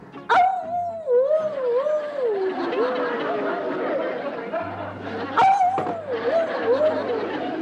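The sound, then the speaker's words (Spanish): Coyotes yip and howl at the gates of a cemetery in a wavering, overlapping chorus, with sharp yelps opening two bursts of long sliding wails, loud, with no talking. “Y entonces, el niño llegó hasta el panteón, hasta las puertas del panteón, y escuchó que los coyotes decían...”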